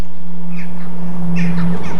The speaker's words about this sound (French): J'aime bien le son, moi. Ça fait des oiseaux dehors. Des oiseaux dehors. Je chante là. T'entends les oiseaux? Hein? C'est les oiseaux dehors que je chante là. Tiens, t'entends les oiseaux? T'entends les oiseaux?